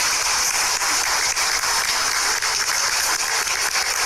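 A crowd applauds steadily for about four seconds, a dense, even wash of hand claps at a fairly loud level, with no voices on top, welcoming visiting school authorities from Tehuacán's school sector 05 at a school event.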